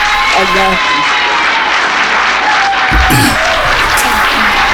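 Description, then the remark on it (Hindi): A crowd applauds steadily throughout, a dense, loud wash of many hands clapping at once with no break, and a few faint voices mixed in beneath it. The applause is for a guest on Sunrise Radio. “ढेर सारी तालियां उनके लिए।”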